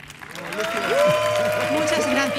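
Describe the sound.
An audience claps steadily and fairly loudly throughout the short stretch, a dense burst of applause with some voices rising over the clapping.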